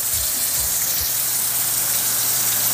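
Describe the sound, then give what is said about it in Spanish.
A steady, dense hiss of heavy rain pouring down in the port of Huasco, loud and constant throughout, with a few low thumps near the start and a faint low hum underneath. “¿Qué manera de caer agua ahí en el puerto de Huasco?”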